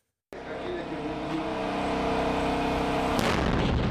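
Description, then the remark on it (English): After a moment of silence, a sudden loud explosion erupts into a sustained, rumbling roar, followed near the end by a second sharp blast, as an attack drone from the Nigerian company Unicorn is tested, simulating the damage it can do. “One of Unicorn's attack drones simulating the damage it can do.”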